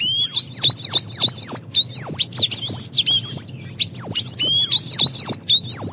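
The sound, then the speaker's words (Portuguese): A small songbird at a farm, by the farmhouse window, sings a fast, continuous stream of high, sweeping chirps and trills, bright and loud, with rapid rising and falling notes and a low rumble underneath. “Eu quero saber, ó, que passarinho que é esse, ó, que vai cantar pra gente agora, quer ver?”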